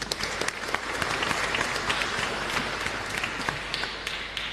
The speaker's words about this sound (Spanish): Gracias a ellos, aplauso también.